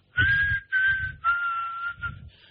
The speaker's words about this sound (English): That's a pretty good whistle, by the way. I can't remember the name of the song. That's a pretty good whistle, by the way. It's a popular song, though.